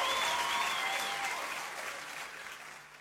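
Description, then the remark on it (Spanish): Steady applause from a crowd, a dense wash of many clapping hands that holds strong before gradually tapering off slightly toward the end. “aplauso.”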